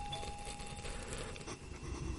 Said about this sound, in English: Did the doorbell go there?